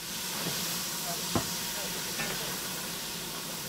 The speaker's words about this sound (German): Denn unsere Dampflok ist da. Mit Verspätung.